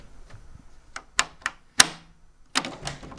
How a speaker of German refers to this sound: Danke. Das war sehr freundlich von euch, die Tür zu öffnen.